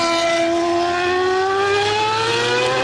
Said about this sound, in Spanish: Estos son los motores que tendrán que escuchar durante horas desde sus casas y balcones los vecinos de Barajas, ruidos que superan los 100 decibelios y que describen como algo inaguantable.